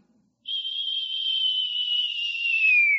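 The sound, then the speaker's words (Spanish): A person whistles one long, steady, gentle note for about two and a half seconds, the pitch sliding slightly downward at the end, with no talking around it. “Un silbo apacible, y ahí estaba Dios.”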